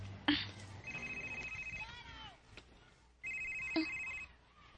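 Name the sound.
cellphone ringing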